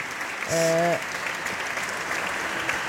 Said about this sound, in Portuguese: Preto no branco, o voto contra do Partido Socialista à proposta do Governo de alteração ao pacote laboral, deputado agora a ser aplaudido de pé pelos colegas de bancada.